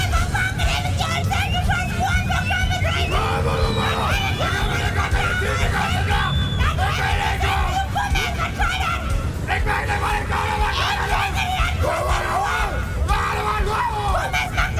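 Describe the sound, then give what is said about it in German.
A large crowd shouts and yells continuously at a dialect screaming festival held in late summer in the town of Bunkenstedt, a dense, loud wall of overlapping voices with scattered screams rising above the din throughout. “Ist sie doch mittlerweile zum größten Mundart-Schrei-Festival Europas geworden.”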